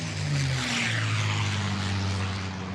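A propeller airplane engine roars loudly as the plane takes off, a steady droning hum with rushing wind noise that holds strong for a few seconds, with no voices.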